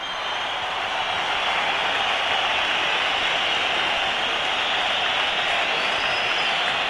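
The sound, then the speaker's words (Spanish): A stadium crowd of Valencia football fans at Mestalla whistles and applauds at the end of the season's match as the players salute in the centre of the pitch, a dense, steady roar of clapping that never lets up, with a thin, high whistle rising above it near the end. “Entre pitos y aplausos se despiden los aficionados del Valencia, entrega del equipo, saludan todos los futbolistas en el centro del campo”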